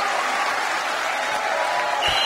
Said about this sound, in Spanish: Un aplauso fuerte.